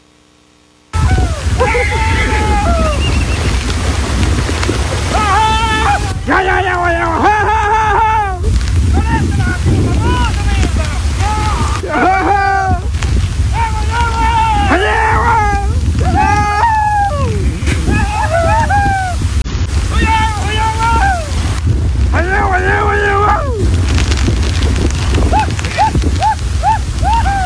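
A steady roar of the overflowing Carampangue river rushing and splashing at Punta Carampangue, Arauco, while several people shout and call out repeatedly over it during the rescue of 30 horses, with occasional sounds of horses moving through the water.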